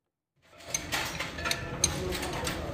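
Wrenches and spare parts clink and clatter amid a steady mechanical rattle, with a few sharp, bright metallic taps standing out. It starts after a brief silence and stays moderately loud.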